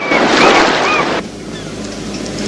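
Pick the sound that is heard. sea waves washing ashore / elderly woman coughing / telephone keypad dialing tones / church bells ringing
sea waves washing ashore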